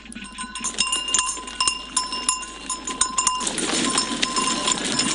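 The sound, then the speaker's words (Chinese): A herd of dairy goats bleating on a mountain farm in Lintong District, Xi'an, Shaanxi Province, China, in cold December weather, with clanking bells and shuffling hooves; the bleats grow denser and more overlapping in the second half, with no talking. “看看奶山羊的过冬情况到底怎么样”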